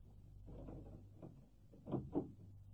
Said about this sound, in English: Go on, man. I'll answer the door.